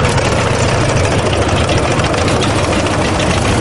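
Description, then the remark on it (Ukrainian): Heavy World War II-era tanks, and some newer ones with drone nets welded overhead, idling at a May 9 parade rehearsal in Yekaterinburg, Russia: a loud, steady rumble, a dense low drone with a rough, throbbing texture that holds unchanged throughout, with no voices. “Танки часів Другої світової в строю та трохи новіші з привареними над головою сітками від дронів.”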